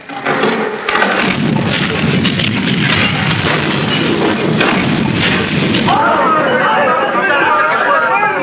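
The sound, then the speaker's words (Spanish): A huge tank's heavy, continuous rumble roars steadily for several seconds, loud and deep, shaking the ground like an earthquake as the monstrous vehicle attacks, with a jumble of agitated voices mixed in and rising cries toward the end. “Nos ataca un vehículo monstruoso, un tanque enorme.”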